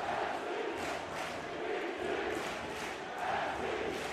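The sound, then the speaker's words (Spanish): A large crowd at a match chants and shouts 'NYC' and 'New York City' in a loud, steady roar, with rhythmic surges repeating roughly every second as many voices call out the phrase together. “Y el público respondiéndole a los gritos de NYC a New York City.”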